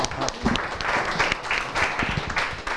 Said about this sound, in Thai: และถูกต้องครับนักเรียนปรบมือ